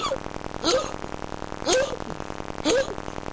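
Three abrupt, throaty hiccups with a rough, cough-like edge, evenly spaced about a second apart, over a steady low background hum.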